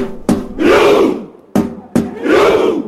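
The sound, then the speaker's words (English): A huge crowd of thousands of Norway football supporters on Miami's South Beach does the Viking clap chant: a sharp unison clap, then a loud, deep, drawn-out collective shout, repeated twice in a slow, steady rhythm. “Thousands of Norway supporters gathered on Miami's South Beach last night to perform the famous Viking clap.”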